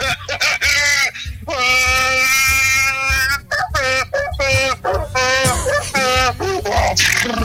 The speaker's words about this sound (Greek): Άρχισαν οι γαϊδάρες, πείτε μου εδώ και τα πετάζουν έξω.